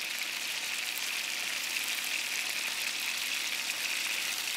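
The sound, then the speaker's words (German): Beef roulades sear on all sides in hot clarified butter in a pan, a continuous bright crackling hiss that stays even from start to finish, with no voices. “Die Rouladen werden in Butterschmalz von allen Seiten scharf angebraten.”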